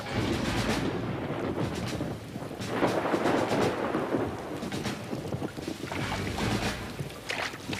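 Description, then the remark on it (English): Heavy rain pours down steadily in a dense, hissing wash, with low rumbles like thunder rolling underneath. No voices are heard. “Can you follow his trail in the rain, Snowy?”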